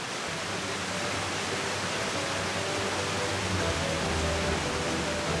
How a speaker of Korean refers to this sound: 뚜벅뚜벅 걷다 보니 들려오는 반가운 물소리.